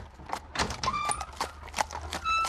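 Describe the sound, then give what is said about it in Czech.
Hooves clop unevenly on a hard surface as two horses, Krištof's and Vojtěch's, are led along at a walk, with a light metallic jingle of tack ringing between the steps. “Vede Krištofova koně.”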